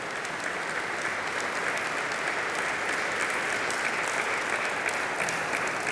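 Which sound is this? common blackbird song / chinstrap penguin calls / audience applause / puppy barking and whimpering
audience applause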